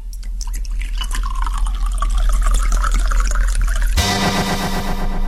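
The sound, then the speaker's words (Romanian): Spirit (alcohol) pours steadily in a gurgling stream at a barber's, to be dabbed on a shaving cut, its pitch rising slightly as a container fills, then the sound changes abruptly near the end to a brighter, fizzy trickle. No one speaks. “Apă? Nu vă rog, spirit.”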